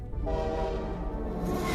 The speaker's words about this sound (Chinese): 那天，另一侧驶来的火车太快了，我没能换下工作服回家吃饭。